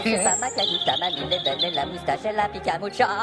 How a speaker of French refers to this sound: Les oiseaux sifflent! Le printemps siffle!